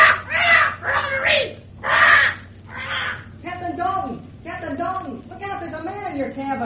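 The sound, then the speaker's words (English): A bird in a ship's cabin squawks loudly, four harsh rasping cries in a row, then breaks into a continuous stream of scratchy, warbling chatter. “Drat that bird. I shouldn't have let Dickon leave him in my cabin.”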